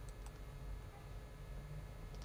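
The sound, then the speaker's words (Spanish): A computer mouse is double-clicked, two quick, faint clicks close together, with another light click near the end over a low, steady background hum. “Aquí, doble clic.”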